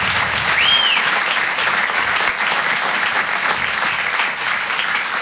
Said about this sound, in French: Bon, avant de démarrer, est-ce qu'on peut applaudir tous les artistes qui sont passés avant moi? On peut les applaudir comme il se doit.